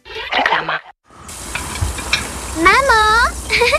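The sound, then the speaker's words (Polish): Pork sizzles in a hot pan for cutlets, a steady crackling hiss after a brief clatter and a short pause, while a voice briefly sounds over the frying. “Gotujemy się na bitki? Gotujemy? Od razu dusimy.”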